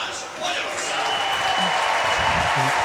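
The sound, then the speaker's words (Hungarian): A large stadium crowd at the Gyulai István Memorial Hungarian athletics grand prix applauds steadily as athlete Balázs Plíz is introduced, a dense wash of clapping that swells and holds throughout, with faint voices murmuring underneath. “Plíz Balázs mutatták be, ő volt az utolsó sorban, neki is szólt a taps, ezért vártunk ki egy picit.”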